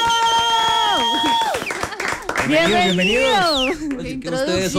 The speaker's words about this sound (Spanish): Y quiero que los saludemos con un fuerte aplauso.